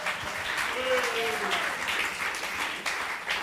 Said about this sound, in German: Und wir freuen uns wahnsinnig, dass du dabei bist. Und das gibt einen großen Applaus.